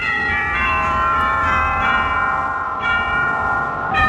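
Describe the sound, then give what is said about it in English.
Sustained, ringing bell-like tones with rich layered overtones, played loudly and steadily on an organ to mimic pealing church bells, with no voices. “First of all, what about the church bells?”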